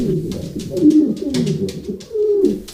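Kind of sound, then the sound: bird, pigeons cooing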